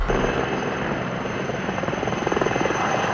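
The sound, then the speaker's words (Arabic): A firefighting helicopter fighting wildfires west of Athens, Greece, roars overhead with a steady, loud rotor throb that grows into rapid, rhythmic blade chopping toward the end, over a constant engine whine and broad wash of noise. “9 طائرات إطفاء و9 مروحيات تؤازر أكثر من 450 عنصرا على الأرض في محاولة لمحاصرة 3 جهات حرائق مستعرة غرب العاصمة أثينا”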